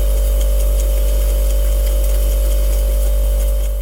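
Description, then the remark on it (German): Steady, loud refrigerator hum recorded by a mobile phone placed inside the fridge, with a heavy low drone and a constant tonal whine, unbroken for several seconds before a brief dropout at the very end. “Also ein Bekannter hat sein Handy einfach in den Kühlschrank reingelegt.”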